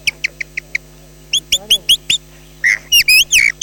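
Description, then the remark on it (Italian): At a bird fair, a chioccolatore, an artist using mouth and throat, whistles an imitation of a blackbird's dawn song: five quick high chirps, a short pause, then a faster run of chirps and longer warbling, trilling phrases, clear. “E ora adesso vi faccio sentire il merlo all'alba.”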